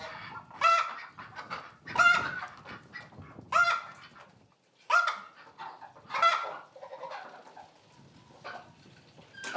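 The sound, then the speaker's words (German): Ducks and geese, kept inside a sheep stable on a Hallig, call out in a noisy flock. Loud overlapping honks and quacks come in repeated bursts about once a second, with a steady background murmur from the birds between calls. “Die Enten und Gänse müssen in den Stall.”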